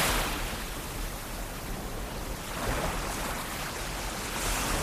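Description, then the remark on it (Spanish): Mediterranean Sea waves wash steadily onto the beach at Boramar, Benicàssim, as the beach empties at the end of the day; a continuous broad rush with gentle swells rising and falling every couple of seconds, with no voices. “Boramar, Benicàssim, un lugar que durante el día se llena de gente y que al caer la tarde vuelve a quedarse a solas con el mar.”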